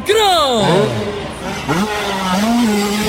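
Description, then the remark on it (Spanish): A motocross bike engine revs loudly in a freestyle motocross show with flying motorcycles, its whine sweeping down sharply, then climbing again before settling into a steady drone, prominent throughout. “Motocross. Motos volando.”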